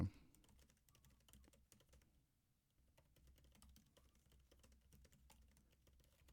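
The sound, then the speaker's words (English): Rapid, continuous clicking of computer keys, a dense flurry of keystrokes with a brief lull midway, with a low background hum and no talking, as someone types to pull up a past quote. “You can hear me feverishly typing like that meme of Elmo.”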